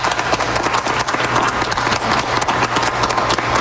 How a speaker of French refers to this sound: Vous entendez les applaudissements à l'Atrium de Radio-Canada de Toronto en ce moment. Ce sont les portes ouvertes, je vous rappelle.